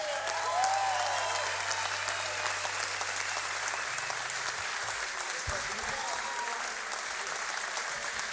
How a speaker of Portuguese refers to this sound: Uma grande salva de palmas para o Sr. Carlos Tavares.